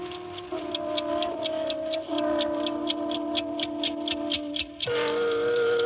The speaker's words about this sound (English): I had been away for 3 weeks, and my 8-day clock was running. It was terribly frightening.